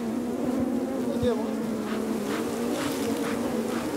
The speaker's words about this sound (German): Also wenn ich mir vorstelle, dass Menschen das ohne diese Schutzanzüge machen, nur mit Feuer als Abwehr von diesen Bienen.